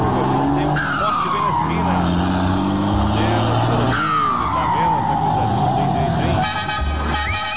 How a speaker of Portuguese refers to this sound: Acelerando. Vai devagar, homem. Olha a curva, rapaz.